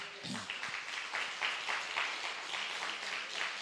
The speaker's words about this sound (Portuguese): Dê um aplauso ao Senhor aí, meu irmão.